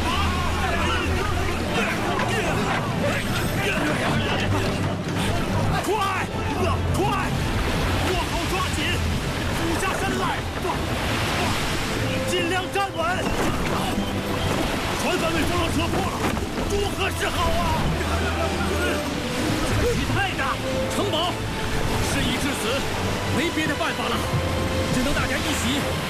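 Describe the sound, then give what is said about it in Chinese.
Continuous, loud storm noise at sea: rushing wind, heavy rain and crashing waves with water sloshing around a ship whose deck is flooded, water pouring into the cabin, steady throughout, with indistinct voices murmuring beneath. “雨水太大，甲板上满是积水，都涌进船舱了。”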